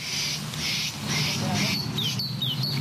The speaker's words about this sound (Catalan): Què és això? Allà, això són els ocells.